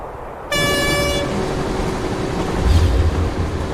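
A loud train horn blasts once for under a second, then a steady rumble of a moving train on the Beijing–Shanghai railway in China continues, heard aboard the train, with heavier low clattering from the rails near the end. No one speaks.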